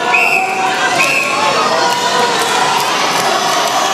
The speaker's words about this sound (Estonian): Mehed, 200 meetrit liblikat, finaal. Pariisi publik ei taha maha rahuneda, kohtunik peab kohe ohjad enda kätte võtma.